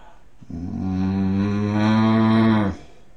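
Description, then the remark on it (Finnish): A single sustained, deep bellowing tone from a human voice imitating a bull, steady and loud for about two seconds with a rich buzzing harmonic quality, then cutting off abruptly. “Sitten sonni.”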